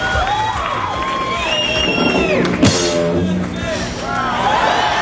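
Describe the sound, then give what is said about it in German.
A large crowd at what was called the shortest concert in the world roars with loud, continuous cheering, shrill whistles and whooping shouts over a dense wash of applause that swells briefly near the middle. “Ja, da kann man schon mal klatschen. So klang das damals beim kürzesten Konzert der Welt”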